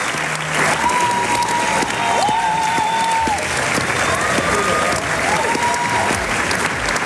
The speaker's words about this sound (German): ihr hört das, applaudiert. Das war der Schlussapplaus bei Salome, Opernpremiere im Theater Hagen am Samstag. Ist ein Stück, das bei vielen, hat man gerade gehört, echt gut ankam.